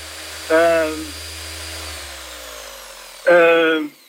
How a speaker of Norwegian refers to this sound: Hører du hva dette her Hør du der? Nei, du må hjelpe meg litt der. Det sirkelsaga. Så ikke den båten borte inne en halvtime, så kapper vi av de 40 centimeterne.